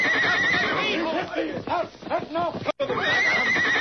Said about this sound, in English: Paint horse, that horse!